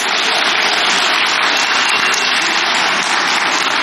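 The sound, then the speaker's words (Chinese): Steady, loud audience applause at the opening of a comedy stage show in the Shaodong Theatre (少动剧场) programme, a dense crackle of many hands clapping at once with no pauses and no voices over it. “哎，谢谢您的掌声。”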